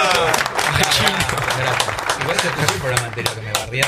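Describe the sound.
Loud, sustained applause from a crowd as the last member of Los Imprescindibles is introduced, a dense continuous clatter of many hands clapping for several seconds, with voices murmuring and calling out underneath.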